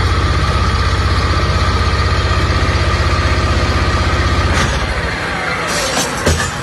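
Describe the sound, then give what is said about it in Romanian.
Excavators and heavy machinery engines idle on the bank of the Danube, loading a fourth barge to be sunk near the Cernavodă nuclear plant, with a deep, steady diesel rumble and rhythmic low throbbing, loud throughout, easing slightly near the end as a few clanks and hisses break through. “Ajutorul excavatoarelor și utilajelor care au fost aduse aici pe malul Dunării special pentru această operațiune, vedem cum este încărcată și cea de-a patra barjă.”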